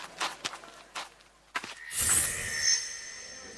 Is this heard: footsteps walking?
yes